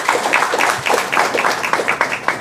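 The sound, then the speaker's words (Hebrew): An audience claps steadily in applause for two women who came from the Krayot, many hands producing a dense, lively round of applause at an even level throughout, no voices standing out above it. “הגיעו מהקריות, כן, מחיאות כפיים היום, כן?”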